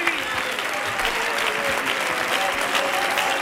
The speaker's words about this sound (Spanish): No, quedarte ahí, el aplauso para ustedes. Vente ahí. Dale fuerte ahí la palma para los chakras, claro que sí.